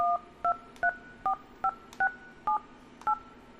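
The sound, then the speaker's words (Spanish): A phone dialing a WhatsApp call: eight short dual-tone keypad beeps in a quick, slightly uneven sequence, clear over a faint background hiss, with no voices. “Ya escuchamos cómo se escucha por ahí. Eso sí es el WhatsApp, ¿verdad?”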